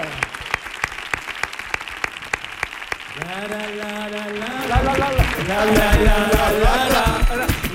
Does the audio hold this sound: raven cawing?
no